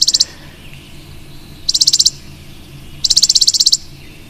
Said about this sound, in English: those are the chipping sparrow. One more time, encore, please. So that is the chipping sparrow.